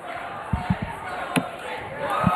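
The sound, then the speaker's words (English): A crowd at a darts match cheers in a steady, loud wash of noise. A few dull thuds and one sharp click cut through, and the roar swells toward the end. “And now the crowd gets into it.”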